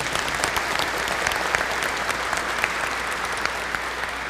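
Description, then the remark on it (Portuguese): An audience claps steadily, a dense wash of many hands with sharp individual claps popping through, sustained at an even loudness for the full few seconds with no voices. “Muito bem, uma salva de palmas para eles.”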